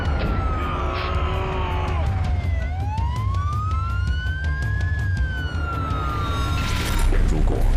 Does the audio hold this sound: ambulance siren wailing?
yes